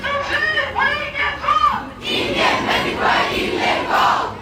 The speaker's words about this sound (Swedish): Hundratals elever samlades utanför stadshuset i Malmö för att stötta sin vaktmästare